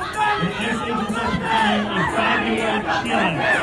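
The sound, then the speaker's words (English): A crowd of protesters chants and shouts "Mom Donnie was complicit" at Mom Donnie in a steady, rhythmic cadence, many voices overlapping in loud, continuous unison with rising and falling pitch, on a street crowded with families and children just after school let out. “They're chanting, Mom Donnie was complicit.”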